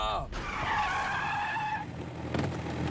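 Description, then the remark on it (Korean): A loud tire screech rings out for about a second and a half as a heavy truck skids to a stop, followed by rumbling vehicle noise. “트럭을 멈춰라!”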